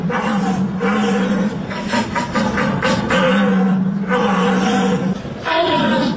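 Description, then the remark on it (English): German men imitate a stag's call to call deer, an 800-year-old tradition in Germany, with deep, drawn-out bellowing roars, loud, sustained almost without pause and swelling and dipping over several seconds. “It is an 800-year-old tradition where Germans are calling for deer.”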